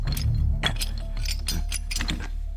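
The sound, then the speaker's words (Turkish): A mechanical lock clicks and ratchets repeatedly, a string of sharp metallic ticks and clinks over a low steady hum, with no voices. “Bunlar mekanik kilitler.”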